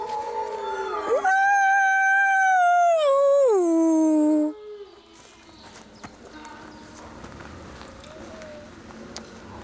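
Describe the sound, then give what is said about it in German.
A single loud wolf howl in summer heat rises and holds steady for a few seconds, then slides downward and breaks off, leaving quieter rustling and faint scattered knocks. “Zu warm für Heulen.”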